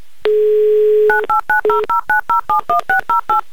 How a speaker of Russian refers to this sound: Набран номер телефона Ирины, в Рязань звоним, гудки пошли